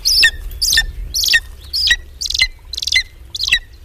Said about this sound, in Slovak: zrejme nemusím zdôrazňovať, že sa volá orol krikľavý. Nie, že by hýril farbami, za to krik mu je blízky.